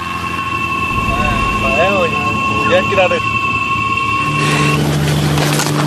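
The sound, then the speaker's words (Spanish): A light aircraft that has just dropped off its passengers drones steadily and loudly throughout, holding a constant pitch with a slight change in tone near the end, while brief muffled vocal sounds rise over it midway. “Esa avioneta acaba de dejarnos aquí en este planeta que no es el nuestro, somos como astronautas.”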